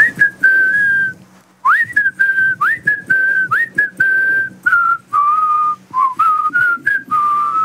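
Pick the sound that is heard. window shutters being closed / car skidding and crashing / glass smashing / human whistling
human whistling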